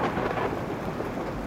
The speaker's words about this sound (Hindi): बाहर बादल अभी गरज ही रहे थे, बिजलियां कड़क रही थीं,